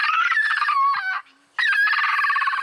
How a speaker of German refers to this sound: Wollaffen können quietschen, bellen, murmeln. Manchmal klingen sie sogar, als würden sie mit den Zähnen klappern. Hör mal, das hier ist auch ein Wollaffe.